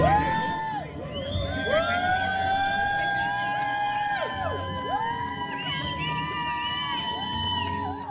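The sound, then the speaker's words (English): A crowd cheers and shouts continuously for a woman at the finish line of her solo row from California to Hawaii, while several loud horns or sirens blare over it, their overlapping tones rising and falling throughout. “Here's people cheering for her at the finish line.”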